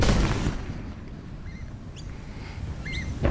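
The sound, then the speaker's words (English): A heavy, booming blast at the start gives way to a long, low rumble that rolls on, with a few faint bird chirps above it: demolition explosions at the Liddell Power Station chimney stack site just outside Muswellbrook. “The explosions there at the Liddell Power Station chimney stack site just outside of Muswellbrook.”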